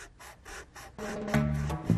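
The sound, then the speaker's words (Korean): An eraser scrubs pencil marks off paper, lifting the black pencil-lead powder, in about five quick, raspy back-and-forth strokes, then a louder sustained tonal drone with steady pitched notes swells in over the second half. No one speaks. “지우개가 연필 자국을 지울 때”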